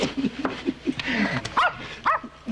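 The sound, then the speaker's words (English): A dog barks sharply a couple of times, fairly loud, with softer yips and whimpery sounds scattered between the barks. “Call off your dog”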